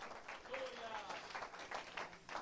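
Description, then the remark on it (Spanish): A church audience applauds Christ together in a dense, steady wash of clapping that swells in waves, with voices faintly mixed in beneath. “Levante sus manos al cielo, dele ese aplauso fuerte a Cristo en esta hora.”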